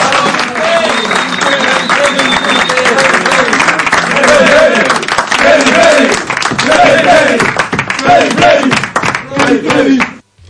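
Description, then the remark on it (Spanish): Sustained applause from a crowd, a dense, loud patter of many hands clapping for about ten seconds, with voices calling out over it before it cuts off abruptly. “Entonces, bueno, aquí les voy a dar un aplauso porque se lo merecen.”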